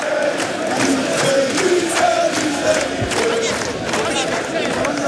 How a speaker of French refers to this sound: Des images incroyables avec des joueurs qui saluent évidemment la foule et les chants qui continuent évidemment d'être entonné par les milliers de supporters. On écoute.